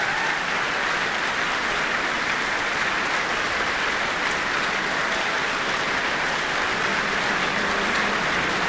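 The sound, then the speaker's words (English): Sustained, dense applause from a large concert audience and the New Zealand Symphony Orchestra at the Michael Fowler Centre, a steady wash of many hands clapping at an even level for the whole stretch, with no voices standing out. “He has joined hands with the conductor, receiving the applause of not only the audience, but also the orchestra here in the Michael Fowler Centre.”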